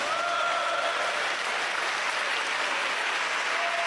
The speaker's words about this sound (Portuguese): Pode bater palmas para Jesus, meus irmãos.